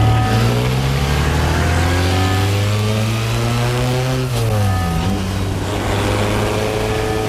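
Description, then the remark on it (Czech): A car engine drones loudly and steadily, its pitch dipping briefly around the middle before climbing again as it revs and accelerates, with no talking. “Tamhle, to je mé auto”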